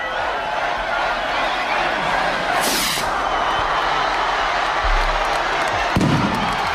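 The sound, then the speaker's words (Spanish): A festival crowd cheers and roars continuously while festival rockets go off at midday to announce the start of the patron saint festivities in Tafalla and Burlada, Navarra, Spain: a bright hissing burst midway through, then a sharp, loud bang near the end. “Cohetes que han anunciado que Tafalla y Burlada están de celebración.”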